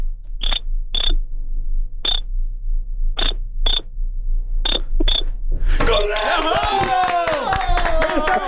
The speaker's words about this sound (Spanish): Me dicen que necesitamos hacerlo en clave morse. Que ándale. Hagas dos cortos, uno largo, dos cortos. Ándale, güey. Dos largos, uno corto, dos largos.